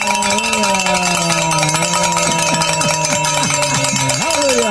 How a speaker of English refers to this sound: And you might want to grab that bell over there, because we're going to start ringing it real loud, because we have made the goal, Father. Hallelujah.